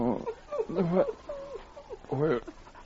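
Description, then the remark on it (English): The great dog King whimpers and whines in a few short, pitched bursts with brief pauses between them, moderately loud and with no one talking, as it stands guard in the snow beside an unconscious Sergeant Preston. “He lay unconscious in the snow while the great dog King stood guard beside him.”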